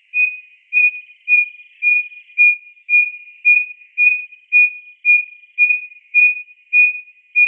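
A striped-breasted wren's hoot song: a steady, evenly paced series of about fourteen pure, owl-like whistled notes at one pitch, growing slightly louder at first, with no other sounds.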